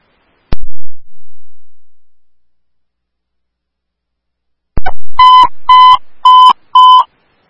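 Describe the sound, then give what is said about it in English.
A sharp click is followed by quiet, then four loud, steady electronic tones with harmonics, each held about half a second with brief gaps: dispatch alert tones for Oakdale fire Station 1F, called to an accident with injuries at Geneva Avenue North and Lavender Avenue East in Oakdale. “Oakdale Station 1F, these are your tones for Geneva Avenue North and Lavender Avenue East.”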